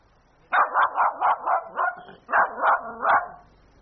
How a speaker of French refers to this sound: Ce chien qui aboie, passe-t-il en coulisses? Est-ce un hasard, un incident? Ou un choix du metteur en scène?